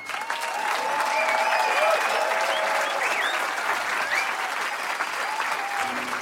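Sustained audience applause fills the room, a dense wash of clapping hands at steady loudness for several seconds, with faint cheers or voices mixed into the crowd noise.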